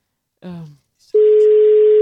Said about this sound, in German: Ich glaube, das können wir hier mal ganz geschickt einfädeln, dass wir ein Telefon nutzen mit Telefonnummer. Und es wird schon gewählt.